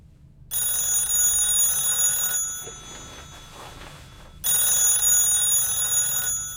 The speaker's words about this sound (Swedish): Men just när han ska somna ringer telefonen.